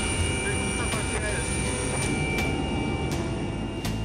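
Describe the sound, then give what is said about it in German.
Constant loud droning roar inside a rescue helicopter cabin in flight toward the BG Klinik in Duisburg, heavy low rumble with a steady high whine, broken by a few brief clicks and ticks. “Die lauten Geräusche in der Maschine können gerade bei Schädel-Hirntrauma-Patienten zu Problemen führen.”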